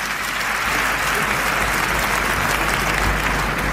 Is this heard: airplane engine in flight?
no